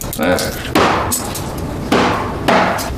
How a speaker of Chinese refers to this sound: 哎，你干啥呢？那菜板子跟你有仇啊？你再多把菜板子剁碎了，那不花钱买来的啊？ 你还甜点说呢？啊？让你买点带鱼，你可倒好，我整十斤回来，那不快点剁能剁完吗？